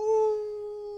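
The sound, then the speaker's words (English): A single sustained wolf howl sound effect holds one steady, pure tone with a faint overtone, fairly loud and clear, gradually fading slightly over about a second with no other sounds. “That's the howling sound that you associate with a blue moon.”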